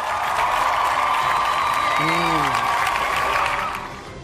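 A crowd applauds steadily for a few seconds, a dense wash of clapping that fades near the end, with a brief whoop or vocal cry rising through it.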